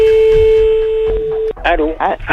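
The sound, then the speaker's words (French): A steady mid-pitched ringback tone hums for about a second and a half on an outgoing phone call, then cuts off as people start talking. “Connexion de nos familles, là, tout de suite. Hop là. Ça sonne.”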